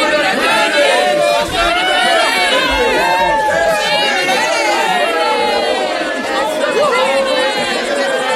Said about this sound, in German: Jubelte das Volk.